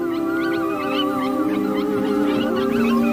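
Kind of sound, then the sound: animal, arctic wolf howling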